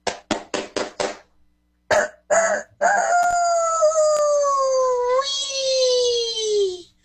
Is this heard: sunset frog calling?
no